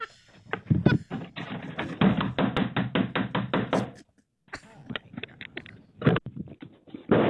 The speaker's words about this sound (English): He outside banging on the door trying to get in.